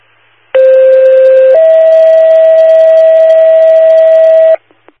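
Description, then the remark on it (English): A loud two-tone emergency dispatch alert for New London, second tones for a loss-of-consciousness call: a steady pitched tone for about a second, then a slightly higher tone held for roughly three seconds, followed by silence and a couple of faint clicks. “New London, 2nd tones for loss of consciousness, 6899 Greenway, New London Road.”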